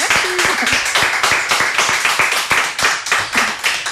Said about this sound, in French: Eh ben, on peut l'applaudir.